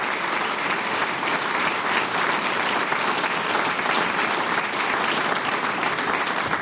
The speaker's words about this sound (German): Ihr kriegt einen großen Applaus, weil das, was ihr macht, ist ganz, ganz super.